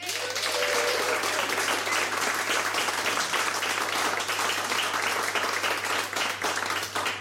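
Sustained audience applause fills the whole stretch, a dense, steady wash of many hands clapping at constant loudness, close and continuous without pause.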